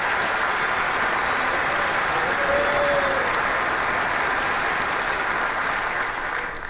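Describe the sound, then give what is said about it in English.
A church audience applauds steadily in praise of the Lord, a dense wash of many hands clapping at once that fills the whole stretch and tapers only slightly near the end, with no talking over it. “Give the Lord a hand clap of praise.”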